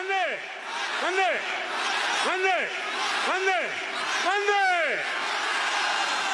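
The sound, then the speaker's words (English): A large rally crowd, led by Mr. Modi at the end of his rally-style speech, chants in unison, five loud rising-and-falling shouts at a steady rhythm, each carried over a constant roar of many voices. “His rally-style speech ending as he led the crowd in chants.”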